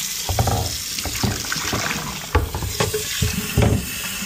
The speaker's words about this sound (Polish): Szukam sobie po lewej, gdzieś powinien być czajnik. O, jest. Wygląda na to, że trzeba dolać wody. Przechodzę do kranu.